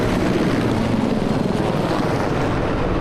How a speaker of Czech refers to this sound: To buráceli vrtulníky systému H1, když před dvěma týdny vítali na základně v Náměšti nad Oslavou nového velitele vzdušních sil